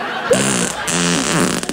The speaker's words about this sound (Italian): Ha sentito che bomba, ecco, che mi è uscita dal culo?